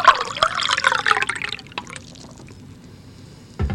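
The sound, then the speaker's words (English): Drinking water from the Assiniboine River pours briskly into a glass for about a second and a half, its pitch rising as it fills, then a quiet pause before a short sip-like sound at the end. “I think that's the really important commodity, what you just heard there. I mean, the water that I'm drinking right now comes out of the Assiniboine River.”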